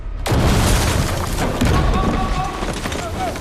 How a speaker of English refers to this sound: Barricading a door, Morgan sets off running, but the special ops team use explosives to get through.